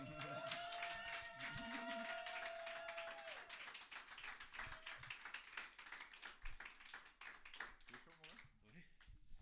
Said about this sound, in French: Et ce gars il est ici dans la pièce, s'il vous plaît un tonnerre d'applaudissements